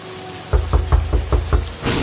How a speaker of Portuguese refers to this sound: Ela foi bater a primeira porta que ela viu. A porta da primeira casa de campo que ela havia visto para pedir emprestado um guarda-chuva. Uma senhora veio atender resmungando. Quem será que está batendo a porta essa hora?